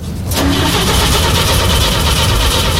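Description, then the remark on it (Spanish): A cold car engine cranks over and over, trying to start. The steady, loud churning kicks in after a brief moment of quiet and continues without catching. No one speaks. “Mira, mi auto al toque, mi auto parte al toque”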